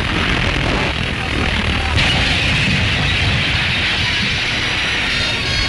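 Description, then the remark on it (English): A shattered steel bridge, its girders warped under strain, collapses onto an ice jam beneath with a loud, sustained crashing roar, a dense rumbling wash of noise that shifts and brightens about two seconds in and keeps grinding on steadily. “Crumbling down upon the ice jam beneath, the shattered derelict seems to mock the handiwork of man, overcome once again by the might of nature.”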